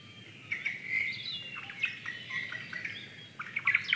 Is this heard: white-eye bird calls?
yes